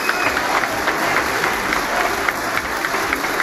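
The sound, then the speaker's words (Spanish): Sustained applause from a large crowd in Peru's Congress for President Keiko Fujimori as she prepares to give her address, a dense steady patter of many hands clapping at an even loudness throughout, with faint voices mixed in beneath. “Pese a ello, los aplausos continúan para la presidenta Keiko Fujimori, quien se presta a dar el mensaje al Congreso de la República.”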